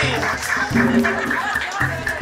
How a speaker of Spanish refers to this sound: ¡Fuerte el aplauso!